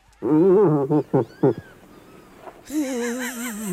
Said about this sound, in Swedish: Nej, det är en irriterad älgko.